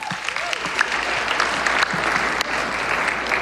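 Steady audience applause, a dense wash of many hands clapping at a constant loud level for a few seconds, with a faint voice briefly underneath.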